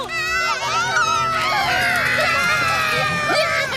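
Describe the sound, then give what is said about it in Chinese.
A voice imitates a wild boar's call: a loud, continuous squealing cry that wavers and bends in pitch for several seconds, with other voices overlapping. “那我来学野猪的叫声。”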